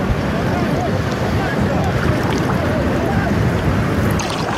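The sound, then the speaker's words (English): A boat out on open water, coming in to pick up people, its steady rumble mixed with rushing waves and gusty wind buffeting the microphone, with faint indistinct voices in the background. “So they're now coming in for another round of pickups. The boat is right there.”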